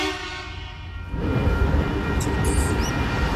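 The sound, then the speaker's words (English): A train rumbles past a level crossing, its heavy, steady roar rising sharply after a second and staying loud with rattling, clattering noise to the end. “And here comes a train.”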